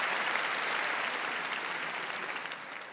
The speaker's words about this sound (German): Applaus für Willi und für dieses fantastische Dankeschön.